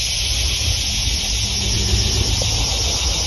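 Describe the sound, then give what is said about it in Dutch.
A dense chorus of insects buzzes and sings in one unbroken, high-pitched drone in hot weather on an old plantation in Texas, loud and steady throughout, with a faint low rumble underneath and no voices. “Dat ik weet dat die insecten er nu zijn”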